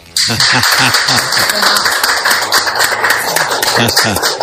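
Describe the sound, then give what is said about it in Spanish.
A group of women applaud loudly, a dense and steady burst of clapping that starts abruptly and keeps going, with voices calling and cheering over it. “Y por supuesto, quisiera que las chicas hagan un aplauso.”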